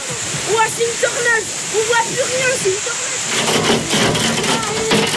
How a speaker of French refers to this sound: La pluie et la grêle tombent si fort qu'on distingue à peine au-delà d'un mètre.